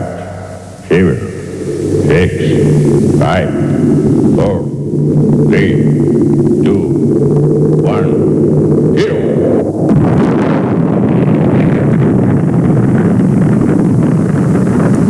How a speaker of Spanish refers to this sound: Cabo Cañaveral, todo listo para el lanzamiento. Astronautas a bordo de la nave. Motores en marcha.